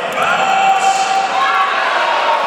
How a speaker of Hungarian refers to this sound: Vámost élteti a hazai közönség.